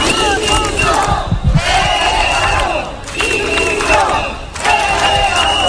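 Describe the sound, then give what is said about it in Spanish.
A street protest crowd of about 300 people in Ceuta, carrying Spanish and European flags, chants loudly in unison, repeating a rhythmic slogan in about four sustained bursts separated by brief dips. “Cerca de 300 personas salieron a la calle con banderas de España y de Europa, camisetas con mensajes como "quiero que me devuelvan mi libertad".”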